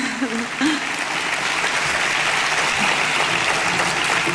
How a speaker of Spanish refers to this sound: Pido un aplauso, por favor.